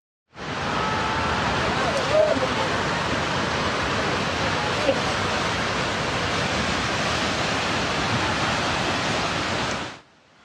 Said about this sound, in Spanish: El desbordamiento de un río presuntamente bloqueado por un deslizamiento de tierra desencadenó esta emergencia.